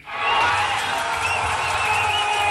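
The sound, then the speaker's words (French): A large crowd of Senegalese football fans cheers and roars continuously outdoors in the fan zone on the Corniche in Dakar, Senegal, in the evening, a dense sustained wall of voices with a low rumbling undertone throughout. “Espoir prudent à Dakar hier soir, mais de la joie tout de même dans la fan zone de la Corniche”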